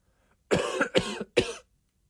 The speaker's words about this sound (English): I've never actually pushed it to the point where I just cough every like 5 seconds? Yep.